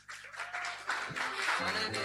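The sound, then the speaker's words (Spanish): An audience applauding in a tribute to Paraguayan composer Manuel Romero Villasanti: a dense, steady wash of many hands clapping that holds at an even loudness for about two seconds, with a faint low tonal hum underneath. “En este homenaje que le brinda a autores paraguayos asociados, que se escuchen esos aplausos.”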